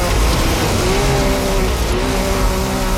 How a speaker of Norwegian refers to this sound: Og dette offroad bilkjøring, så fører deg disse her bilene som kjører gjennom sånn sandlandskap, ofte I alle fall, og det heter FIA World Baja Cup